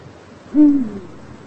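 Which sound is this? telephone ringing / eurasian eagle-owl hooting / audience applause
eurasian eagle-owl hooting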